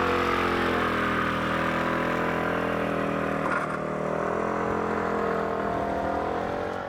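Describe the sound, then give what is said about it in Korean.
A motorcycle engine runs with a steady, throaty rumble with slight shifts in pitch, holding at a constant loudness throughout with no voices. “집에 차 있어도 차 안 타고 다녀, 오토바이 타고 다녀.”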